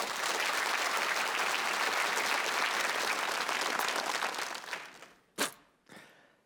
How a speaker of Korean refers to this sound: 여러분의 큰 박수로 그 무대 열어주시죠.